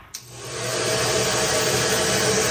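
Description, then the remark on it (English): A hair dryer clicks on and spins up to a steady, loud whooshing roar of blowing air with a faint motor whine underneath, running continuously with no talking. “But if you believe online chatter, a hair dryer might be the myth of choice behind two unusual temperature spikes in April, detected at Roissy Charles de Gaulle Airport.”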